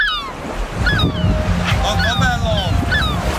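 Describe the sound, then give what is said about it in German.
Ocean waves roll and break on a beach at the sea during a family day out, in a steady, rushing roar, with wind noise and faint high-pitched cries rising above the surf. “wir nehmen euch jetzt mal mit an den Strand.”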